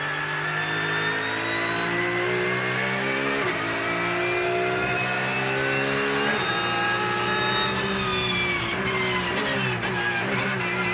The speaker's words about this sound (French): c'est une voiture qui a beaucoup d'aéro, surtout sur un circuit rapide comme Dijon.